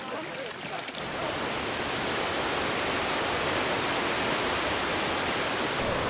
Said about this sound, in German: Nun fließt das Wasser zum römischen Aquädukt und die Zuschauer folgen ihm.